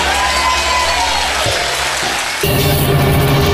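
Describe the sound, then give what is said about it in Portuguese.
An audience of Igreja das Nações applauds loudly for the name of the Lamb, steady clapping from many hands, with a brief dip midway before the applause surges again, fuller and more energetic, mixed with faint cheering. “Aplauda o nome do Cordeiro que tira o pecado do mundo.”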